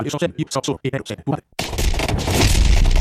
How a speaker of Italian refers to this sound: Sì, qua le esplosioni, lo scontro, sì, vai.